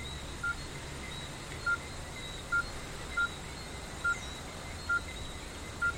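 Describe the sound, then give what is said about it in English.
A run of seven short, clipped keypad beeps, evenly spaced as a number is punched into a phone to ring another phone, each tone crisp over a quiet background hiss. “I'll ring your phone so you can have mine.”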